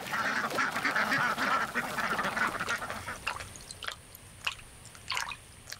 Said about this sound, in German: Zu jedem Feld gehört eine Schar Enten. Sie ernährt sich von dem, was von der Ernte übrig geblieben ist.